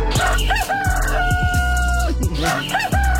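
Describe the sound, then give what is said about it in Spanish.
A rooster crows loudly, two long cock-a-doodle-doo calls back to back with a brief gap, each rising then holding a sustained strained note. “Doble gallo para ti.”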